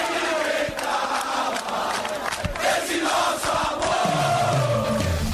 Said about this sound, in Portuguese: Força da torcida, o grito de guerra, a presença, o apoio, o aplauso, tudo faz diferença.